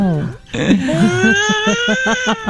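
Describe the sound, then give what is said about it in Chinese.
A voice imitates a crying baby, a loud wavering wail that breaks into rhythmic sobbing pulses toward the end, with no other talk. “宝宝哭了，宝宝哭了，大概这个感觉了哈。”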